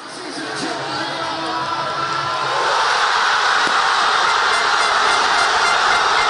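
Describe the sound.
A huge crowd of football fans at a public viewing in Buenos Aires roars and cheers an extra-time winning goal, a dense, sustained wall of voices that swells louder partway through and stays at full volume, with scattered shouts rising above the din.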